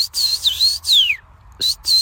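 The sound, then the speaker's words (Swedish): Several clear, high whistled notes in quick succession, some sliding downward, performed by a person imitating the call of a common rosefinch, which a bird-identification app recognised as such, moderately loud with brief pauses between phrases. “Ja, nu dök det upp. Common Rose Finch.”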